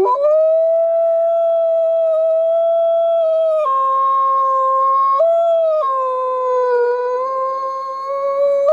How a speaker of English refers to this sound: And when I put her body in the ground, like the moment her body hit the bottom of her grave, snow started dumping and Rocco started howling.